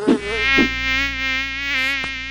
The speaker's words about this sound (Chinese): 哎呀，头上怎么那么多苍蝇？